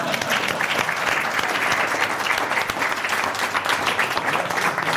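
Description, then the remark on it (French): Sustained audience applause at the end of a comedy sketch, a dense, steady clatter of many hands clapping at an even loudness for several seconds, with no one speaking over it. “Applaudissez, bande de salopions !”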